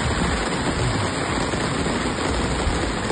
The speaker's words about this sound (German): Regen, endlich. Naja, sagen wir ein paar Tropfen, ja, die sich auf den Weg gemacht haben.